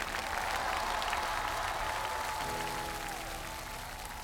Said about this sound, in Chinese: 我们再次把掌声送给师妹， 谢 谢， 谢谢大家。